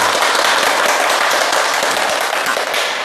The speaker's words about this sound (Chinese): 今天呢，我们非常高兴地邀请到了国家语委咨询委员、中国传媒大学的姚喜双教授，我们掌声欢迎。